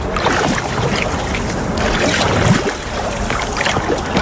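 Boats, kayaks, water skiers and fishermen moving on a lake in the Orne, Normandy, France, heard as a steady wash of churning water and hiss with some wind buffeting. Continuous for the whole stretch, with no one speaking.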